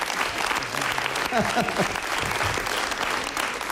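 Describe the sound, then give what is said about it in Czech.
An audience claps steadily throughout, a dense, sustained wash of applause at moderate volume, with a voice briefly audible over it partway through. “Takovýhle potlesk jsem tady nikdy neměl.”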